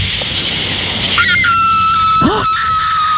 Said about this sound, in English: That's a coyote fox.